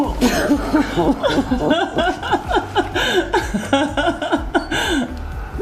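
Tearful sniffling mixed with shaky, wavering sobs, one person close by, in quick uneven bursts that run without pause for several seconds.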